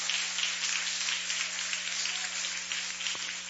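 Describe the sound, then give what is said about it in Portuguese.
An audience claps steadily to exalt the Lord for the full few seconds, a dense, crackling wash of many hands at an even volume, with a low electrical hum underneath and no voices. “Palmas, exalta o Senhor, exalta, exalta, orienta, louvaia.”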